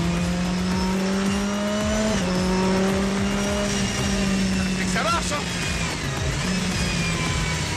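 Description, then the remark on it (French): A small Simca CG car with a big turbo plus a compressor pulls hard under acceleration, its engine droning loudly and steadily with a faint high whine from the turbo blowing above it, while a man talks over the noise. “Accélère autant. Bon, il y a quand même un gros turbo, un compresseur en plus. Donc c'est sûr que ça pousse.”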